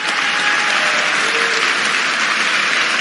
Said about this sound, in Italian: dove a Cesena due studenti che hanno compiuto un gesto futurista, e a loro va l'applauso da Roma. Siamo vicini ai ragazzi di Cesena.